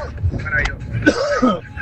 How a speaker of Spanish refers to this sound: A mí se me murió un bulldog. Se me murió un bulldog con esa tos, brother.